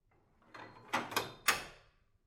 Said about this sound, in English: Which is when the workshop's door bolt slides.